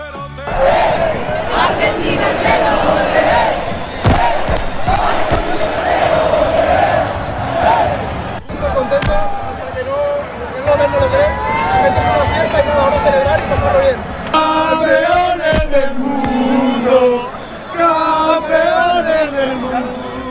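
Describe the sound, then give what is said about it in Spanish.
A large crowd in a town square, with flags and flares, chants and cheers together in loud, sustained waves of massed voices, celebrating the city's national team, with rhythmic sung phrases rising and falling over a constant roar of excited shouting. “En la plaza, los cánticos, las banderas y las bengalas dibujaron la gran celebración de una ciudad entregada a su selección.”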